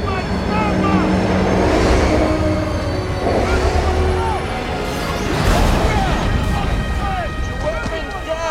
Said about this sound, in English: The train comes to a halt in front of the group, and survivors emerge from it.